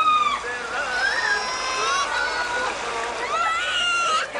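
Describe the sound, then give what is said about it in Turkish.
A crowd of voices shouts and cries out together from a sailboat out at sea off the big island, several high, strained calls overlapping in a steady clamour, with a faint wash of splashing water beneath. “Bu bağırışmalar, bu sesler.”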